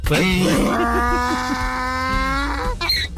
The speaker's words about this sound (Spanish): Rebuznadita de burro